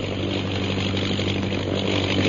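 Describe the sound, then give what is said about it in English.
The propeller engine of a fighting plane coming back and circling overhead drones steadily, a continuous mid-pitched throb with a low hum underneath, holding at a fairly loud, even level throughout with no voices. “Listen. The plane, it's coming back.”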